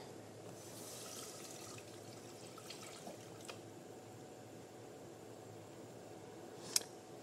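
Water pours steadily from a tap into a pot as the first step of cooking black-eyed peas for tostadas, a continuous rushing stream with a few faint splashes and one sharp metallic clink near the end; no one speaks.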